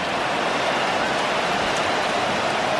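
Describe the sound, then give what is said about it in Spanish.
A steady, dense roar of hail pelting the Bernabéu stadium during a football match, a constant hiss of countless impacts with no gaps, loud and enveloping, and no voices. “El granizo, lo que está cayendo en estos momentos.”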